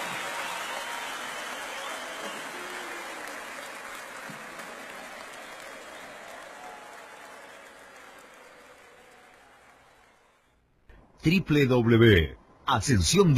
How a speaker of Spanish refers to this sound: La vuelta de Messi. Con el aplauso.